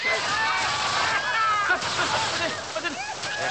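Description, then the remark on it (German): Water gushes and splashes steadily from a hose at a public event in St. Wolfgang, a loud, continuous rushing spray lasting throughout, with people's voices talking and calling out beneath it. “Aus Wassermarsch!”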